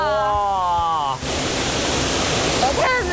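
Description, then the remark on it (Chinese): An excited voice from a touring group calls out over rushing water, then a loud, steady roar of a waterfall takes over, with a brief voice rising again near the end. The waterfall is at a scenic spot reached across a suspension bridge, in the landscape where the painter Fan Kuan lived and painted. “很难得能遇到这么美的瀑布和这么美的景。”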